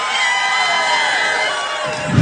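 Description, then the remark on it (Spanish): A large audience cheers loudly and steadily for another song, a dense wash of shouts and whoops that holds throughout and swells slightly near the end. “El público quiere otra, le vamos a dar otra.”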